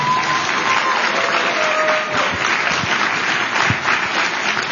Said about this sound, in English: Can we get one more round of applause for the man who has reminded the world that there's an F in FDA, Kyle Diamantis?